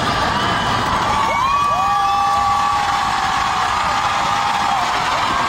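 A huge concert crowd cheers and screams continuously as a picture of a fan's dappled sausage dog is held up on stage, a dense roar of voices with several long, high-pitched shrieks rising above it, loud and sustained throughout.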